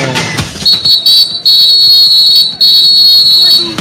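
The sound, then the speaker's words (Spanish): A referee's whistle, blown by referee Joao Pineiro to start the second half of a football match involving Argentina, sounds in shrill, high-pitched blasts: a couple of short toots, then two long sustained ones, loud over a steady roar of crowd noise. “Y el árbitro Pineiro, Joao Pineiro, suena el pitazo y dice que el partido en la segunda parte ya arrancó.”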